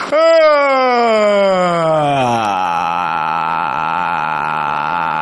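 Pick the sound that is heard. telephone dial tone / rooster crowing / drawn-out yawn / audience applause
drawn-out yawn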